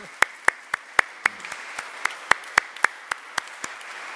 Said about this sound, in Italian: Quindi io gli farei un applauso anche a loro